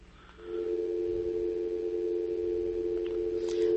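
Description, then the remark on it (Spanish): A steady telephone line tone from an incoming call to the studio phone starts after a brief quiet moment and holds at an even, moderate level for several seconds, with no talking over it. “Muy bien, bueno, por ahí nuestra gente, por ahí creo que nos estaban llamando, pues pueden volver a llamar, ¿verdad?”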